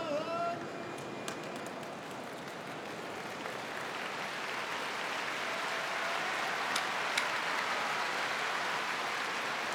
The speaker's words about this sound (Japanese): 館内からじわーっと今拍手が沸き起こりました。舞の海さんがおっしゃっていたのはこの後半の雰囲気ですね。